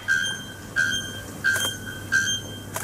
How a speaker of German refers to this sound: Es klingt wie eine rostige Schaukel oder eine kaputte Sirene. Es ist aber tatsächlich ein Vogel. Und zwar ein Vogel mit einem wunderschönen Namen. Nacktkehlglockenvogel.